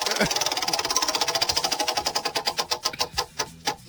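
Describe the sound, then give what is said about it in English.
A prize wheel is spun on an ESPN show, giving a rapid run of sharp, ticking clicks that steadily slow and spread apart as it winds down, ending in a few last separate ticks. “Sorry, I'm going to spin the wheel before all right, we all get arrested.”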